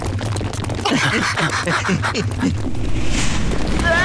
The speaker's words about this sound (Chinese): 有震动！好像是从前面传来的。